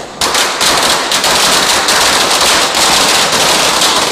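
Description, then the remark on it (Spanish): A 5-metre string of firecrackers crackles nonstop, a dense, loud, rapid barrage of sharp pops with no pauses, filling the whole stretch. “Ahí va la faja de cohetes. Una de 5 metros, pero aquí la vamos a cortar.”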